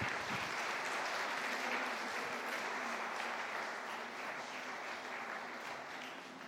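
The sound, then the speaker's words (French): A church audience applauding Jesus and the Holy Spirit in a sustained, dense wash of clapping that holds steady for several seconds, then tapers slightly toward the end, with no clear voices above it. “On peut applaudir Jésus et le Saint-Esprit, voilà.”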